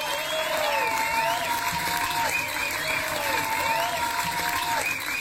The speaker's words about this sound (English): So can I just give this lady a great big round of applause, because I haven't heard from her in absolute ages.